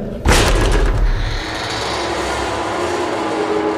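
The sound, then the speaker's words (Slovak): A heavy thud of someone shoving against the blocked prison cell door of Bishop Gojdič, one sharp impact near the start followed by a lingering low rumbling noise, with no voices. “Naozaj sú zablokované. Kľači, preženáva sa. Ide k posteli. Ľahol si. Skús dvere.”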